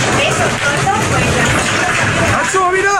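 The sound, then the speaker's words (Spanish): A loud, steady roar of wind and rain in Murcia, from a thermal downburst with gusts over 80 km/h and a sudden temperature drop from nearly 45 degrees, surging in gusts, with a broad rushing hiss throughout and faint voices emerging near the end. “Un reventón térmico ha provocado estas rachas de viento de más de 80 kilómetros por hora, lluvia racheada y un descenso súbito de la temperatura”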